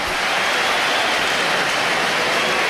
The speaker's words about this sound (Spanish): Bueno, ¿hay división de opiniones o...? Hay aplausos para Hugo Duro, yo creo.